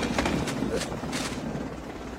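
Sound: helicopter approaching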